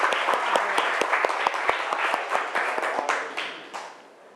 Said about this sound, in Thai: เอาปรบมือเพื่อนก่อน